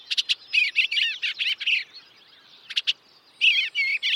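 A songbird chirps in rapid bursts of high, bright notes, pausing briefly between phrases before resuming; the song is clear with no voices.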